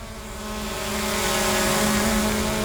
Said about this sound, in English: While Western Power is flying drones to inspect the lines